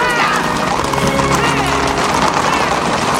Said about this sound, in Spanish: Don Diego detiene el carro ante el paso de un escuadrón de caballería.